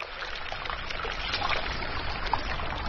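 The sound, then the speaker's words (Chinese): A tiny stream at a river's water source, one of countless small streams that go on to form the Yellow and Yangtze rivers, trickles and burbles steadily, a continuous bright wash of flowing water with little splashes, no voices. “我说嘛，水源的地方就是这样的，这么小很小的一条小溪，就无数个小溪。”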